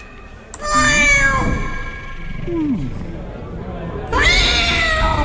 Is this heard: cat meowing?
yes